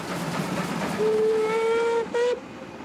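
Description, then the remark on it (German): A passing steam locomotive whistle sounds one long, loud blast and then a short second toot over a steady rumbling train. Its pitch sags slightly lower as the train passes and moves away, a Doppler shift. “So klingt der Ton der Lokomotive höher als im Stand, wenn sie sich dem Hörer nähert. Entfernt sich der Zug hingegen, klingt der Ton der Dampflok tiefer.”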